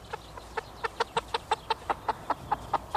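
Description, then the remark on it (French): A chicken clucks in a rapid, steady series of short, sharp calls, about fifteen in three seconds, clear with no voices around it. “Et pour plus d'infos, on a même droit au poulet.”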